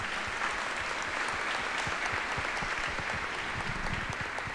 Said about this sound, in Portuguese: Uma salva de palmas, parabéns.